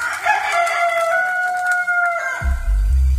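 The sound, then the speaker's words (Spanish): A rooster crows once, a long, loud, drawn-out call with a rising then sustained tone lasting a few seconds, followed by a low rumbling thud at the end, marking the rooster's crow after Peter denied Jesus. “Una vez más, Pedro lo negó y enseguida cantó un gallo.”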